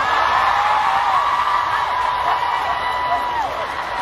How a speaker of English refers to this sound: Oh, just listen to the scream.